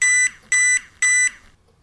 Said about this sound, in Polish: I jeszcze raz naciskam. Mamy 4 razy. Co to oznacza? Najprościej. 4 razy sygnał taki właśnie oznacza bateria 100%. Odpowiednio 3 sygnały bateria 75%.